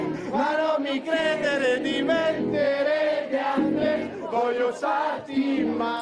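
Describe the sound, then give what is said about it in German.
An audience of mainly teenagers and young adults sings along at full voice, with or without a microphone, many overlapping pitched voices blending into a dense, sustained chorus that swells and dips briefly but never stops. “Das Publikum, hauptsächlich Jugendliche und junge Erwachsene, singt aus voller Kehle mit, ob mit oder ohne Mikrofon.”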